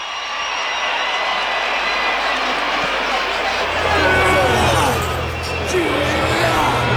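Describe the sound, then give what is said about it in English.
A large stadium crowd at Alice Park roars and cheers as the South African team emerges from the tunnel before a match against the All Blacks, in a steady, dense wash of noise that swells slightly midway and stays loud throughout, with indistinct voices blended into the din. “Now the Springbok Warriors emerge from underneath the tunnel, and they psych up the crowd.”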